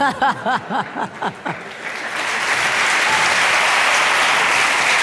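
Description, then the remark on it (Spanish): Laughter in short bursts at the start gives way to a swelling wave of audience applause, dense and sustained for the rest of the moment. “No ese aplauso favor, viene porque todos están pensando en uno, ¿verdad?”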